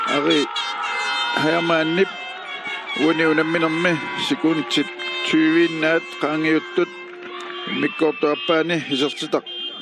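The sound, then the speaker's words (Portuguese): Car horns honk in repeated bursts, some long and some short, overlapping one another in a celebratory din while voices shout and talk underneath. People standing outside their cars are honking to celebrate a goal. “E dá para ouvir umas buzinas também no fundo, porque o pessoal está perto do carro, né?”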